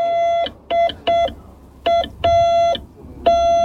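A steady mid-pitched electronic tone keys on and off in Morse code, as radio amateurs let children try to send their own names, mixing short and longer beeps with brief gaps, clean and alone over a faint low hum.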